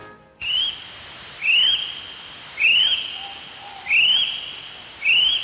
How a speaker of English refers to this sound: It sounds like a great spotted whelk bird. Nah, mate, that's a kiwi.